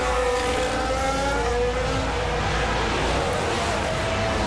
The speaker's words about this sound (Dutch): Ook hier hoor je heel goed de motor niet meer doortrekken op een gegeven moment. Alsof je een beetje door de stroop heen rijdt aan het einde van het rechte stuk.